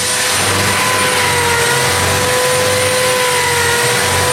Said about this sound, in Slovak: Tu si upnem to pripravené drevo. No a s tým obojručným nožom vrežeme to prebytočné drevo brusným papierom. Ešte vyhladíme. Musíme vyhladiť aj vnútrajšok.